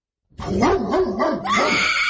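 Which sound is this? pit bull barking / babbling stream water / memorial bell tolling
pit bull barking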